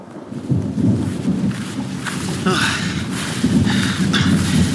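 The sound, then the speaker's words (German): Low, rolling thunder of a thunderstorm rumbles steadily through a continuous patter of rain, during a walk outdoors on a warm day, with sharper crackling bursts midway and near the end, fairly loud, with no voices. “Nicht auch noch ein Gewitter?”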